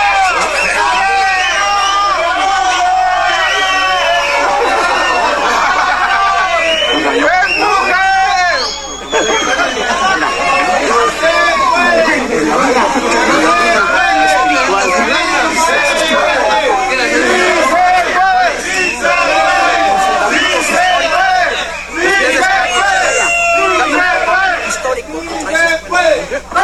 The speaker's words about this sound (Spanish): Uno se apoya en el hombro de otro, se comparten agua y aliento, y a lo largo de toda la subida resuenan gritos de fe que se escuchan de un extremo a otro de la ladera.